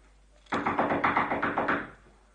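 A quick burst of about eight knocks on the door of a laboratory in the early morning, steady and rhythmic, fairly loud, with no voices around them.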